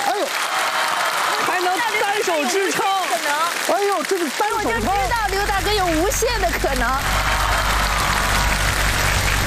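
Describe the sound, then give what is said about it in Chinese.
An audience applauds steadily for the whole stretch at the Xiangtu Nengren Dahui (local talent contest) stage show, a dense, even clatter of clapping, while excited voices call out over it during the first several seconds. “掌声响起来！”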